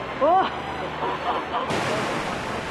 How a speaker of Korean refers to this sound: 빗소리를 따라 사람들이 모여들고 이내 메말랐던 암벽 위로 물줄기가 피어오릅니다. 간절히 비를 기다렸던 이들. 와, 폭포다!